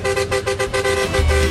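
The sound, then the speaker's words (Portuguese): A vehicle horn honks in a rapid series of short, loud blasts with a steady tonal pitch, with a low engine rumble building underneath toward the end, in the early morning hours. No one speaks. “Pra buscar o Brasil inteiro, buzina na Band aí, ó.”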